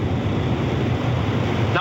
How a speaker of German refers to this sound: Bist du etwa im Auto unterwegs? Ja, hört man mich gut oder ist es ein bisschen... Es rauscht ganz schön doll, ehrlich gesagt leider, ja. Jetzt auch auf der Autobahn.